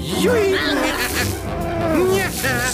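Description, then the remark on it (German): A loud, continuous buzz of dragonfly wings droning throughout as Willi lures the dragonflies away, with a couple of squeaky, rising voice-like glides sounding over the steady hum. “Angstbefreit und blitzesschnell lockt Willi die Libellen weg.”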